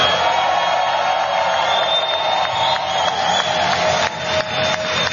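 A loud, sustained round of applause from a crowd for organized labor at an event in a building in Hunts Point, New York; dense and steady clapping lasting the whole stretch, with some cheering mixed in and no clear speech.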